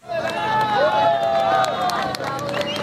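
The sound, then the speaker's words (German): A crowd cheers and shouts in Catia La Mar on the Venezuelan coast as a man is rescued alive from the rubble of a seven-storey building after eight days and carried out on a stretcher; many voices overlap in a loud, steady roar, with a few raised, sustained calls rising above the din. “Jubel bricht aus in Katia la Mar an der venezolanischen Küste”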